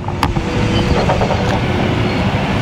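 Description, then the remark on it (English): Heavy excavation machinery working at a construction site: a loud, steady diesel rumble, broken by a couple of brief sharp clanks, no one speaking. Contractor Bowman Excavating is laying utility lines for 118 single-family homes on the former Polk Farm along U.S. 221 near Roanoke, with dust flying. “Dust is flying as site contractor Bowman Excavating uses heavy machinery to lay utility lines and make way for 118 single-family homes.”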